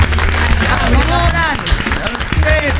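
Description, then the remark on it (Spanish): An audience applauds in welcome for a few seconds, a dense wash of clapping mixed with whoops and cheering voices, staying loud throughout. “Muy bienvenidos y un aplauso muy grande”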